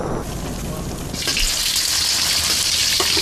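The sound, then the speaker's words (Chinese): Steady sizzling of dough pastries (guozi) frying in hot oil as they set their shape in the pan. A dense crackling hiss swells louder after a moment and keeps bubbling with a few sharper pops, with no voices. “随着果子在锅中定型，美味也找到了属于自己的形状。”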